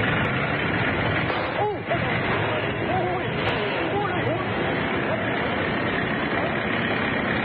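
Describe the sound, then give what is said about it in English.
A car engine runs steadily throughout, a constant rumble with a broad noisy hiss, while indistinct voices murmur faintly underneath. “There ain't no room in my car, but you can run behind.”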